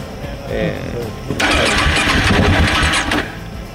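A KTM motorcycle engine cranks loudly for nearly two seconds, a harsh churning starter noise that cuts off abruptly without catching, the bike giving trouble again despite maintenance, on the way from the city of Mérida toward the sea; faint voices murmur just before it.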